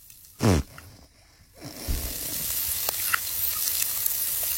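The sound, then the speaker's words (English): A short thump leads into a steak hitting a hot pan, followed by a steady sizzle with scattered crackles and pops that continues to the end. “No, this is a sizzle of a steak.”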